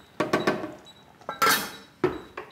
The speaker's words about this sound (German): Wir machen den Deckel drauf und lassen es jetzt auf jeden Fall mal eine halbe Stunde leise schmurgeln.